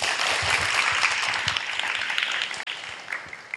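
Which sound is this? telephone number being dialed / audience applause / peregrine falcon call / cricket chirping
audience applause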